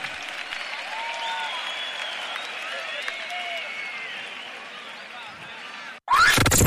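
Sustained audience applause, a dense wash of clapping with scattered whistles and cheers, holding steady at full volume before cutting off abruptly near the end.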